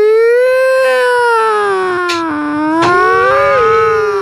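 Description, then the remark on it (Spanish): A person imitates an ambulance siren, holding one loud, continuous wailing tone that dips, then climbs and falls again over about four seconds, with no other sounds. “Uy, qué grandes en esa ambulancia, parce.”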